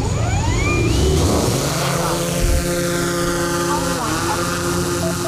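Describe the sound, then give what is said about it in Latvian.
A small photo and video camera drone, flown outdoors to demonstrate a phone app, buzzes steadily while hovering above people's heads, its high rotor whine holding a constant drone with pitch sliding up and down as it hovers and adjusts. “izejam ārā un gaisā paceļam foto un video uzņemšanai paredzētu dronu. Tas dūdams līdinās virs mūsu galvām.”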